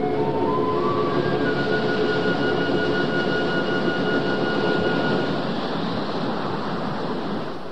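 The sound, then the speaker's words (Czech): A big ocean wave crashes over a ship in a loud, sustained roar of rushing water. Thin whistling tones sound faintly in the first seconds, and the surge eases slightly at the end. “Pozor! Velká vlna!”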